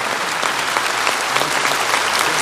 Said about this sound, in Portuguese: Receba da reitoria esta simples lembrança, saiba que o Senhor tem a nossa filiação, a nossa fraternidade, e receba também a nossa salva de palmas com o povo de Deus.